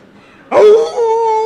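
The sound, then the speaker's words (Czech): A man's voice imitates a jackal howl: a single loud, wavering wail that rises abruptly, then settles into a sustained, steady tone with a couple of clear harmonic pitches. “Ne, to bylo správně, soudruh zavil správně jako šakal.”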